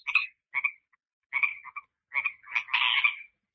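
Pacific chorus frogs croaking near a pond at the Hopland Research and Extension Center, in short, raspy two-part calls, a few separate bursts followed by several overlapping voices at the end, with no talking.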